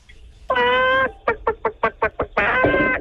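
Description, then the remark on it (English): A high-pitched voice imitates a chicken: a drawn-out squawk, a quick run of about seven short, punchy clucks, then another long squawk, all loud and alone with no talking. “Okay, and now can I get the same chicken sound effect, but with a higher pitch?”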